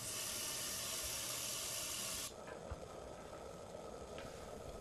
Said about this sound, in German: Ja, also wenn ich nicht in die Mensa gehe, dann wird bei mir normalerweise erstmal ein Topf mit heißem Wasser aufgesetzt.